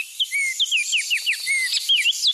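A Baltimore Oriole sings a bright run of short, slurred whistled notes in quick succession, clear, with no voices over it.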